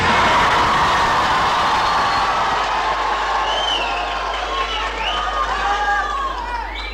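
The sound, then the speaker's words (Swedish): About 200 young people from Tranås and Jönköping at Folkets Park in Jönköping, gathered to vote for the week's most popular records on the radio show Sommartoppen, cheer and shout happily, a loud, dense mass of overlapping voices that holds steady for several seconds, with higher excited shrieks rising above the din toward the end. “De spontana glada röster vi hörde här alldeles nyss”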